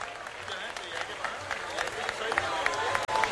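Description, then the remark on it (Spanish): Steady applause from an audience for Desbocado as they present a small framed picture of their logo, many hands clapping in a dense, continuous patter at an even level for a few seconds, with a faint murmur of voices underneath. “Fuerte el aplauso para el detalle de Desbocado, claro que sí.”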